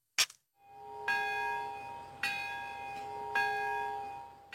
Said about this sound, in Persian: صدایی از دل آسمان گرفته ناگازاکی، ناقوسی که 81 سال است بشریت را فرا می‌خواند تا فاجعه ای را یاد داشته باشد که بر سر این شهر گذشت.